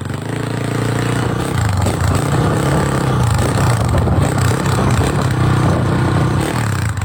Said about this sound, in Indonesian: tengah naik motor.